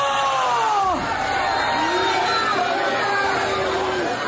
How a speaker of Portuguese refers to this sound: Vão gritando para Jesus queimar. Vai gritando para Jesus queimar.